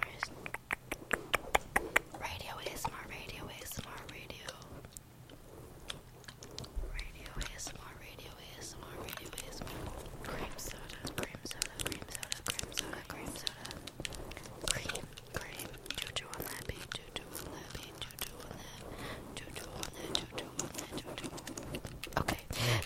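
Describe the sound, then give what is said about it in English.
A spray bottle spritzes against a door again and again, crisp, each short hissing burst pattering like light rain in a quick, uneven rhythm. “Oh my gosh, guys, I'm spraying a spray bottle, and it's hitting the door, and it's really satisfying. It sounds like rain.”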